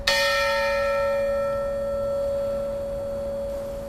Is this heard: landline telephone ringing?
no